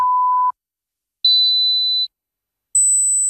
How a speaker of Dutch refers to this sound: Hoorde u geen 3 piepjes zojuist?